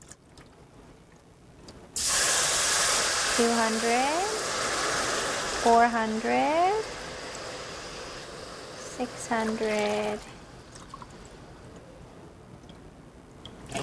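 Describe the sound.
Water pours steadily into a hot pot on a stovetop for about eight seconds, 800 milliliters in all, a loud rushing hiss with a sizzling edge, while a man counts aloud over it before it cuts off.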